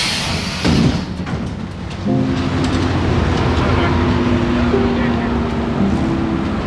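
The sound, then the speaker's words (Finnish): Steady low engine rumble inside a moving bus on the way home, with a sustained tonal drone entering midway and indistinct passenger chatter murmuring underneath as people talk about everyday things like weekend plans and what to buy at the shop. “Bussissa matkalla kotiin ihmiset juttelee arkisia asioitaan.”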